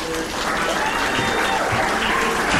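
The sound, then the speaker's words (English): An audience applauds loudly and steadily to welcome activist Harvey Wasserman, a dense wash of many hands clapping at once that holds an even level throughout, with no talking over it. “Please cheer this kind, compassionate, and courageous warrior, Harvey.”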